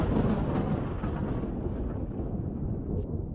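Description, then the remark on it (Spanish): A deep, rolling rumble of thunder from an approaching storm fills the whole stretch, loud and sustained at first, then slowly easing off; no one speaks. “Uy, qué tormenta se viene.”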